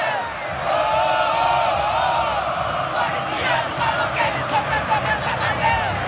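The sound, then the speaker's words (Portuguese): Corinthians fans at the Neo Química Arena sing together after the final whistle of the match in which Corinthians was eliminated. The large crowd sings in a loud, sustained chant, many voices blending into a continuous roar with rhythmic swells and shouts rising through it. “Assim que terminou o jogo, o árbitro apitou o final da partida, a torcida começou a cantar e não para, ó.”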